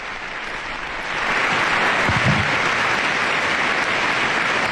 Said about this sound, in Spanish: Un largo aplauso de todos los miembros de esta institución que ha recibido al Papa León XIV, que en este momento se retira junto con el director de esta institución, el señor Khaled El Enani, director general.